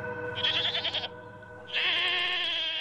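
A goat bleats twice, first a wavering, tremulous call, then after a short pause a longer, sustained one, both loud with no one talking.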